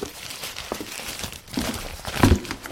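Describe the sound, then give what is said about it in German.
A crumpled paper note, found in a waste bin, being unfolded, with irregular dry crinkles and crackles that swell into a louder rustling burst near the end. No one speaks. “Hier, ich habe im Abfalleimer einen zerknüllten Zettel gefunden.”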